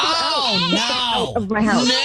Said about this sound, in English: Came around the front of the house so I could talk to you without the goats making all the noises, and so I don't know exactly what's going on in there.